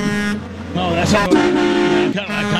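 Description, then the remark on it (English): A loud truck horn blares in long, sustained, forceful honks, with a few brief breaks between blasts and some voices mixed in underneath. “Like a truck's coming through the studio, and we're getting ready to get smashed.”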